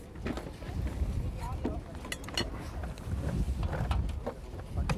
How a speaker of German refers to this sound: das ist aber auch ein Wind hier, ne? Ekelhaft. Ist ein bisschen. Ist frisch